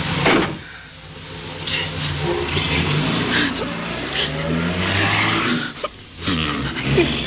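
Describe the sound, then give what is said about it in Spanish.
A car engine turns over and catches as it starts outside a cabin, then revs and accelerates hard, its rising drone filling the scene before it roars off at speed. “puso en marcha la máquina, que poco después escapaba a toda marcha.”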